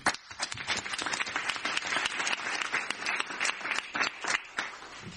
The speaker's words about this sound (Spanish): Un aplauso.